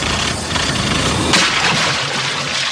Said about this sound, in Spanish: Eso es una turbina fallando.